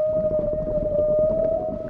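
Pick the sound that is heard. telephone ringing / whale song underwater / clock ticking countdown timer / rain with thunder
whale song underwater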